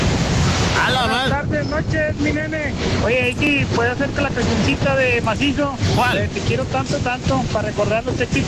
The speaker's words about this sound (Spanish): Órale, oye, ¿es la lluvia la que se escucha hoy?